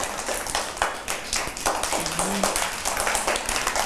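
A group of people clapping their hands in steady, overlapping applause that continues throughout, fairly close and moderately loud, with a brief murmur of a voice partway through.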